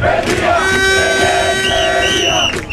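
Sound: protesters shouting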